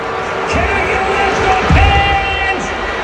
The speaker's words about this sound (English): Can I get a little Let's Go Pens? And this is what happens. Listen to this. After the first Penguins goal, it got booed. A power play goal, 14:07 time.